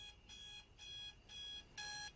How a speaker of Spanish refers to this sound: Su despertador dice 3 a.m. y ella lo apaga con un golpe.